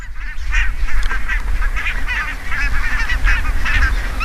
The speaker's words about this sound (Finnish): Niin kuin äänestä kuuluu, niin valkoposkihanhet ovat asettuneet tähän. Tässä on järven selkää tuossa näkymässä ja tässä on tämmöinen nurmipelto edessä. Ja sanoisin, että satoja tällä hetkellä.